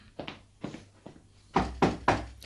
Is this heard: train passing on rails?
no